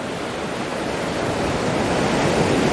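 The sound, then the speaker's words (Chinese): Ocean surf roars steadily, a dense hiss of waves washing ashore that swells slightly louder toward the end, with no voices or other sounds. “让虎鲸学徒逐渐学习适应海浪的节奏”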